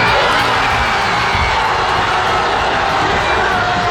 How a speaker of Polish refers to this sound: I znów eksplozja radości we francuskich strefach kibica.